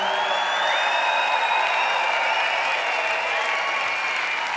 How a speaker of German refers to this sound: Ich weiß jetzt nicht, was das für ein Applaus ist. Ist das so super oder ist das, nein, bitte zieh dich aus, zieh dich um.